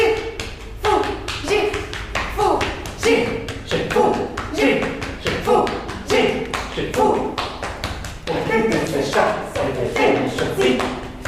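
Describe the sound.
Two performers pat each other's backs rhythmically, soft hand-on-body thumps repeating steadily throughout, while chanting rhythmic syllables in a fantasy language, in a piece by Greek-French composer Georges Aperghis.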